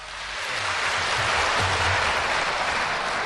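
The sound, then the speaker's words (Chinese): An audience at a live xiangsheng (Chinese crosstalk) show breaks into dense, steady applause that swells in the first half second and then holds loud and even, a continuous wash of many hands clapping with no voices. “谢谢大家热烈的掌声啊！”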